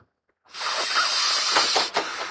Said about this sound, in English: Are you trying to kill yourself? Sniffing that stuff? Don't you know you'll rot your brain?